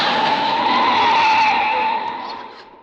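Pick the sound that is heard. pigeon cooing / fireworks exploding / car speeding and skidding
car speeding and skidding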